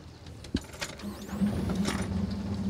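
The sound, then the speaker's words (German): The engine of the Santiano, a 26-year-old, 9.5-metre boat with a 40 hp three-cylinder motor, cranks with a few mechanical clicks and clunks, then catches and settles into a steady, low rumbling idle that holds to the end, as boats set off on the Dortmund-Ems Canal. “Die ersten Boote starten zur großen Fahrt über den Dortmund-Ems-Kanal.”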